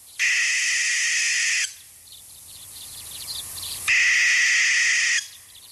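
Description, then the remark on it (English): Two long, harsh, hissing screeches from an American barn owl, a nocturnal hunter, each lasting over a second with a pause between, loud against a quiet night background with faint chirps. “That is an American barn owl.”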